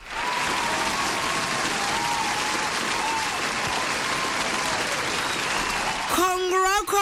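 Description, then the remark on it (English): Loud, steady applause from many hands fills about six seconds, a dense continuous patter of clapping celebrating a soccer score prediction of Mexico 2, South 0, before a voice briefly cuts in at the very end. “Oh, round of applause, my baby.”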